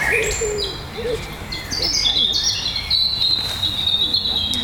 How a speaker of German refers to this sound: Es ist schon ganz schön laut für einen Rotkehlchen. Ja, genau, Rotkehlchen.